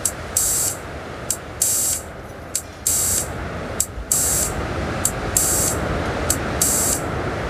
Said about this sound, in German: Und parallel dazu habe ich mich mit den kleinen Soundgeräten ein bisschen warm gemacht, der im Hintergrund schon laufen hört. Ah, da hören wir den Filter rauschen.